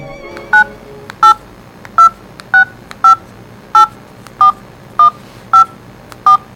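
A phone number is keyed in: nine or ten clear, evenly spaced touch-tone beeps, each a short two-pitch electronic tone, loud over a faint background hum with no talking.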